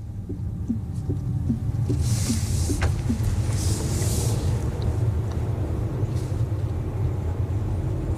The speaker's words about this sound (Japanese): 今ですね、車は八ヶ岳高原ラインという道に入りました。昨日までのね、今朝だね、今朝までの雨がありましたから、道はまだ濡れてますが、安定してます、車は。